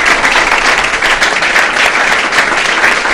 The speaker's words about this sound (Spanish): Un aplauso para esta linda pareja, que Dios los bendiga.